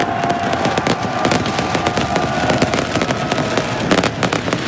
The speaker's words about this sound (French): La joie, la vibration de Dylan Tavares, des joueurs et des supporters célébrés par un joli feu d'artifice hier.